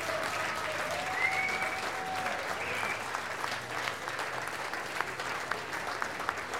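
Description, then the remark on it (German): Sustained applause from a large audience for a brass band at a festival, a dense steady clatter of many hands clapping, with a few faint whistles rising above it and no clear talk. “Ich darf mal sagen, die … hat sich einen großen Applaus verdient.”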